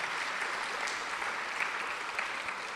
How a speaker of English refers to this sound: All right, round of applause for Philippa.